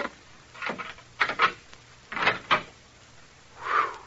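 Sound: door being opened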